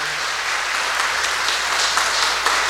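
A crowd applauding together: steady, dense clapping from many hands filling a large room, sustained at an even loudness for a few seconds with no voices over it.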